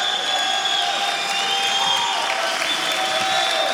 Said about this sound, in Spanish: Gracias por la risa, por el aplauso. Amén.